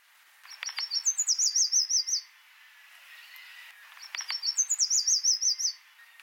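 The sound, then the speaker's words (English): A yellow warbler sings two bright, quick phrases of sweet high whistled notes, each lasting about two seconds with a short pause between, clear with no other sounds. “This yellow warbler sure has a lot to say. Let's hear it.”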